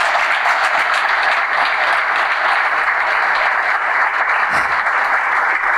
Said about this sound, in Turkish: Hocamız için bir kocaman alkış rica ediyorum.